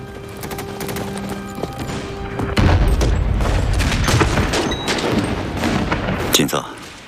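Heavy gunfire from a battle involving the Red 34th Division crackles in rapid, overlapping bursts, building into a loud, dense battle barrage after a few seconds, with deep booms underneath and a steady tone fading out early on.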